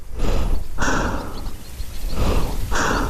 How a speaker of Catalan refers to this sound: Jo estava amagada a l'ombra de la paret exterior del túnel, amb la màscara antigàs preparada, sentint la meva pròpia respiració accelerada.